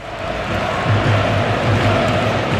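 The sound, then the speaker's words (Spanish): A large football stadium crowd chants the name of Yago Aspas together in a loud, dense roar, with low voices rising and falling in a steady rhythmic pattern over constant broad crowd noise throughout. “Escucha, mira, esto es lo que está coreando, lo que está cantando en el estadio.”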